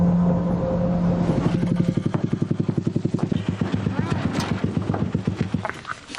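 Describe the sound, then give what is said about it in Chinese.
A small three-wheeled motorcycle engine chugs with a rapid, steady putter of regular beats, ridden before dawn after a night snowfall toward the ice where fishing nets are set, on Hongze Lake, holding a constant pace before fading slightly at the end. “已骑着三轮摩托车驶向那片布下渔网的冰面。”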